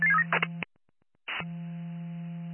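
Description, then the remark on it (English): A staff member dials a telephone: a steady buzzing line tone with brief electronic beeps and clicks, a short silent break, then the tone resumes after a crackle. No one speaks. “Staff member on the phone.”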